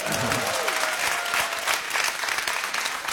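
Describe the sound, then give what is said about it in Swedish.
Steady, dense applause from an audience for a guest and the backing band fills the whole stretch, a broad crackle of many hands clapping at once, sustained without a break, with a faint tonal hum fading early on. “Applåder från honom och applåder för gänget som backar upp här. Bandet. Applåder!”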